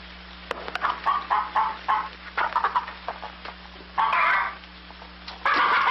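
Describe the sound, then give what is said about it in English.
Chickens cluck in a busy, overlapping stream of short calls, with a couple of longer, louder squawks standing out near the end. Fairly loud, with a steady low hum underneath. “Well, feed the chickens.”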